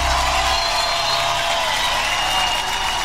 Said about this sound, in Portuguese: Eu quero mais palmas